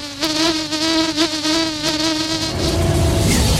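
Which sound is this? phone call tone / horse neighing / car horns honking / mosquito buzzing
mosquito buzzing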